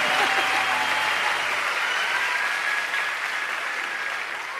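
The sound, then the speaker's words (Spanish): Steady audience applause, a dense wash of clapping that holds throughout and tapers slightly toward the end, with a faint tonal hum underneath and no one speaking. “Gracias por esos tres aplausos que me dieron.”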